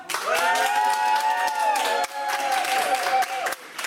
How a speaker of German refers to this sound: Schlussapplaus, wie viele sind noch da?